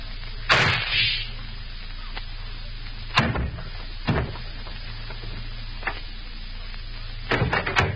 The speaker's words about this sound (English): I heard a shot. What happened? Oh, I see. But how'd you shoot him? There's no gun in your hand, Professor. See under my coat, Anna? My invention, a small flat-handled gun strapped alongside my chest.